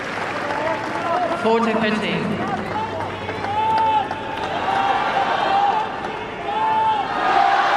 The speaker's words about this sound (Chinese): 我们也听到了在菲利普夏迪埃球场观众们给郑钦文的加油声